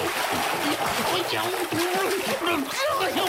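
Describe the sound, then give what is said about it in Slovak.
Loud, churning splashes of cold water fill the whole few seconds as someone jumps in and thrashes about, with a voice sounding faintly beneath the noise. “A skočil do vody.”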